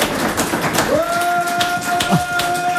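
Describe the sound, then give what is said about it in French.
Audience applause for a participant's singing, a dense, steady patter of many hands clapping, with a sustained high tone entering about a third of the way in and holding over the clapping. “Bravo, on l'applaudit.”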